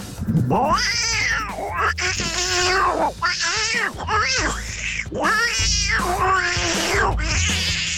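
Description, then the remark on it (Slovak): A listener from Žilina imitates tomcats in heat fighting over a female cat, with loud, wavering yowls and caterwauls rising and falling in drawn-out cries, nearly continuous for several seconds, intense. “tak ja sa pokúsim napodobniť kocúrov v rúji, ktorí sa bijú o mačičku.”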